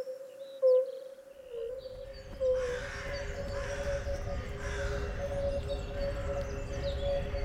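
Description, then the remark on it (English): Outdoor ambience in the Bois de la Cambre park in Brussels, Belgium, where a few crows caw at intervals over a steady low rumble of an aircraft passing overhead, with a constant faint droning tone throughout. “Bois de la Cambre, Bruxelles, Bruxelles. Capitale Belgique, Corvids, Woodpeckers, Plains and Joggers”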